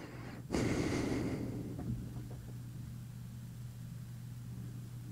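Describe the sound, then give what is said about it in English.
A single breath rushes into the microphone for about a second, then fades, leaving only a steady low electrical hum and faint background noise. No one speaks. “I'm not pausing. I'm just a quiet breather, I guess.”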